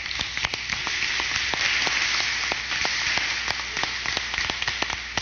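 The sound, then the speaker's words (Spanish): A crowd applauds the bishop of the diocese of San Pedro de Macorís and the priests and ministers of the altar after a Eucharistic celebration, many hands clapping in a dense, continuous patter with occasional sharper claps standing out, holding an even loudness for about five seconds with no voices. “obispo de la diócesis de San Pedro de Macorís, quien ha presidido con amor la celebración eucarística de este día, así como a los demás sacerdotes y ministros del altar que nos han acompañado con entrega y servicio, y pedimos para ellos un aplauso.”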